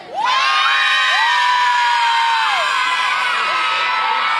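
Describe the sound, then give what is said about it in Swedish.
A crowd of several hundred spectators, some sounding like children, in the one open stand section at an open national team training session on an ordinary weekday cheers loudly and steadily, with many high-pitched shouts and whoops rising and falling over the continuous roar. “Men jag skulle säga att det är ett antal hundra som redan nu har tagit plats på den läktarsektion som är öppen.”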